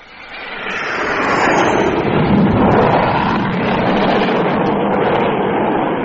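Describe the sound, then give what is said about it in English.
A loud aircraft, the second one approaching, flies pretty low and fast overhead, its broad engine noise swelling in the first second and holding steady and powerful throughout, with no voices. “Number two was pretty low and traveling fast, too.”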